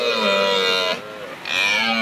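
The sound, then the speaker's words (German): A red deer stag bellows in the distance after dark, a deep, harmonic, drawn-out roar in two loud bursts separated by a brief dip, with no voices. “Das war dann ein Hirsch, den man in der Weite gehört hat.”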